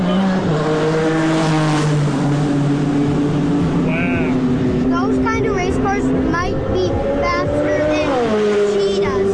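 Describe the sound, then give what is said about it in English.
A loud, droning race car engine holds a steady pitch as the car speeds past on a track, then climbs sharply as it revs near the end, with crowd voices chattering faintly in the background. “watched the cars race down the track yesterday”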